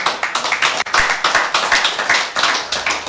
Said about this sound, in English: And we're clapping because she was so excellent